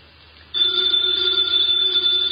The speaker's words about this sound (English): Ladies and gentlemen, that phone bell means exciting adventure.